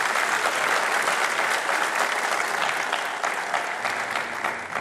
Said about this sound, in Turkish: İşte TOKİ Başkanımız var, Kentsel Dönüşüm Başkanımız var, yine daire başkanlarımız var. Onlara sizlerden kuvvetli bir alkış istirham ediyorum.